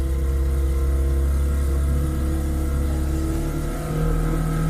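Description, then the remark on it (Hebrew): A motorboat engine drones loudly and steadily, its deep throaty hum holding constant throughout with only a slight dip near the end. “שמת לי רעש את סירת מנוע.”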